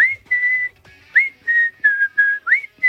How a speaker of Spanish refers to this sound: Esta la he silbado yo desde que salió en el año 91.